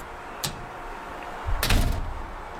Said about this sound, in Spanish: ¿Podría abrir la puerta, por favor? ¿Quién toca la puerta?